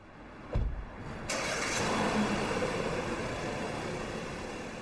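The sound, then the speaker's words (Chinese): A car engine turns over with a short thump, then settles into a steady, fairly loud running rumble as the car pulls away from an underground car park, with no voices. “很快丛飞就来到地库，开着自己的车去和璀璨珠宝的李总见面。”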